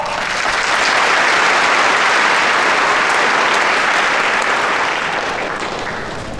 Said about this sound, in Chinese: 那么接下来我们将邀请肖总为我们讲话，肖总讲完话之后，由我给大家宣布一个好消息。那么接下来我们以热烈的掌声有请肖总讲话。